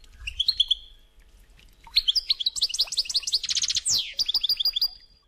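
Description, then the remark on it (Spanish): A European goldfinch sings alone, a brief opening phrase then a rapid tinkling run of liquid twitters and buzzy trills, bright and fairly loud, with no talking. “Los trinos son parecidos a los de los canarios, pero con un toque más silvestre.”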